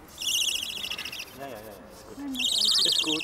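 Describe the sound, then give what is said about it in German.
An owl at the Wilhelma, being handled for microchipping, gives shrill, rapidly pulsing high-pitched calls in two loud bursts, with a short stretch of murmured voice in between. “Vor allem erspart es den Eulen das Federziehen.”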